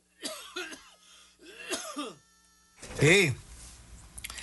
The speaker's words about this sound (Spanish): Sí, me agarró la tos, hombre, pero ya está librado, dijo aquel. Ahorita me agarró la tos. Pues es que ya cuando empiezas a ahogarte con tu propia saliva, ya es que ya estás chocheando.